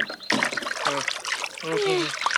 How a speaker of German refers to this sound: Das ist gar kein Teich, das ist ein Fluss. Hui, Flüsse sind gefährlich, fliegen wir lieber weg, du.